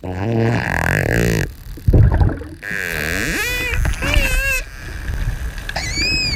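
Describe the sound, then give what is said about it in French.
Dolphin sounds: brief bursts of rapid, closely spaced clicks that form a buzz, alongside high, wavering squeals that rise and fall in pitch, with a steady rumbling background throughout. “Écoutons quelques sons de dauphins.”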